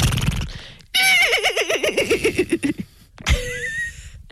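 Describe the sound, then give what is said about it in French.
People imitate a horse whinny with their voices in a horse-imitation contest, a loud warbling neigh descending in rapid quavers, followed by another shorter vocal whinny after a brief pause. “Alors à toi, on le fait ensemble. Attends. Allez, concours de cheval.”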